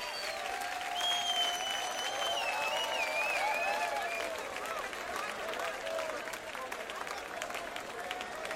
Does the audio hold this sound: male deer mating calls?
no